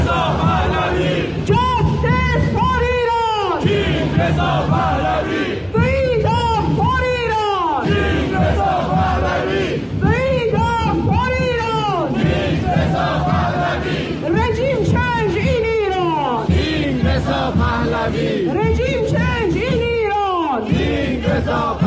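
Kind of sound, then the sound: crowd, rally crowd chanting slogans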